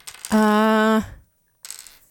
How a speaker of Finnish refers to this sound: On, mutta ei mitä tahansa noppia, vaan nämä on tämmöisiä muotinoppia.